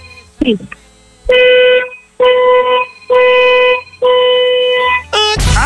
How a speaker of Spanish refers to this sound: Perfecto, muñeca, vamos a necesitar, por favor, que nos des 4 bocinazos de tu auto bien fuerte, largos. 4 bocinazos largos ahora.